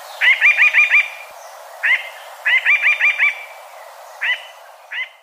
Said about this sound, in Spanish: El trino del arrendajo montañero forma parte del Banco de Sonidos de Aves Colombianas recopilado por el Instituto von Humboldt y la Universidad de Cornell.